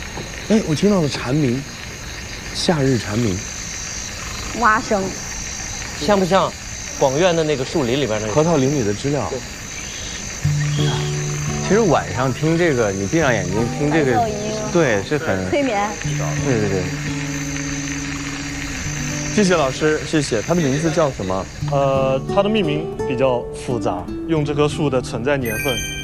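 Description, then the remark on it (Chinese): A steady, shrill drone of summer cicadas fills the air while frogs croak in repeated bursts underneath, forming a dense, continuous night chorus at moderate loudness. “我听到了蝉鸣，夏日蝉鸣。 蛙声， 像不像广院的那个树林里边那个？”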